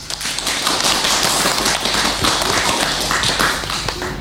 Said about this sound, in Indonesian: Tepuk tangan untuk TK Baklito.